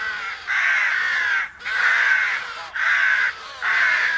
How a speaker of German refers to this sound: wenn also Tausende von Krähen heranschweben und sich fallen lassen auf die Bäume, auf der Peisnitz und dabei einen tierischen Krach machen